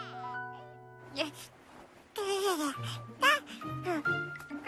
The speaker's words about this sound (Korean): 어? 이게 무슨 소리지? 인형이 우는 건 아닌데. 그럼 이 소리는 어디서 나는 거지? 어? 1층에서 아기 소리가 나네.